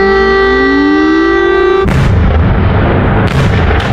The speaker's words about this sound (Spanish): Durante toda la noche las sirenas han sonado sobre la capital ucraniana y las columnas de humo han brotado en toda la ciudad.